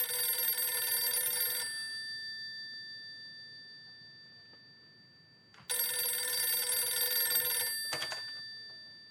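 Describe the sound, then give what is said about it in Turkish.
An old-style telephone bell rings loudly in two long bursts of about two seconds each, separated by a pause, with a click as the second ring cuts off. “Telefon.”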